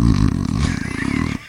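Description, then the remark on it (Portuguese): A person imitates snoring with a loud, throaty rattle drawn out in one long buzzing breath of a little over a second, cutting off abruptly. “O Batista deve roncar, tem cara aqui. Um barulho mais ou menos assim, ó.”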